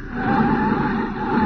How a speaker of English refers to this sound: All right, now I'll put on the brakes and ease the thing to a stop. There.